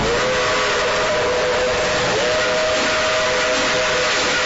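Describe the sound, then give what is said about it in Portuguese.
A Maria Fumaça steam locomotive's whistle sounds in a long, steady tone over a broad, loud hiss of escaping steam as it cuts through the mountains of Minas Gerais, continuous throughout, with no voices. “Ouvinte, a Maria Fumaça vem cortando as montanhas de Minas Gerais.”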